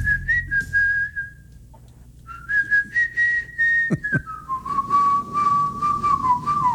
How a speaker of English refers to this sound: whistling tune on the board. Here is the one you have to identify.